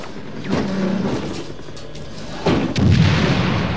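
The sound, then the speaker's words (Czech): Two sharp shots from two Browning pistols crack out about two seconds apart, each followed by a rumbling, booming tail, with a heavy low thudding noise continuing after the second shot. “Co to je, dva Browningy?”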